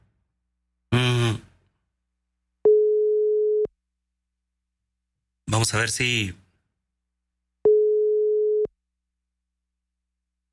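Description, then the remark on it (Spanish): A steady single-pitch telephone ringback tone sounds twice, each lasting about a second, alternating with short bursts of a man speaking between them; an on-air call from radio station La Grandota 97.5 that goes unanswered. “¿Contestó? No. Bueno. Vamos a ver si tenemos éxito con la llamadita”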